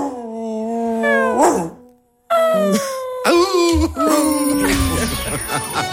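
A dog left alone at home whines and howls in long, wavering high-pitched cries that rise and fall, breaks off briefly into silence, then resumes with rougher, louder whimpering and yelps.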